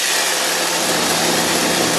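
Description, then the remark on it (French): A hedge trimmer, its weight carried by a so-called elephant harness, runs without pause as a worker trims hedges: a loud, steady, high-pitched motorized buzz with a low hum beneath it and no voices. “J'observe donc Thomas à l'œuvre avec son tailleuet.”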